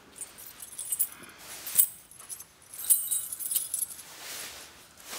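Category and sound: household object, keys jangling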